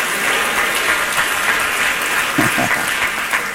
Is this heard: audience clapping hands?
yes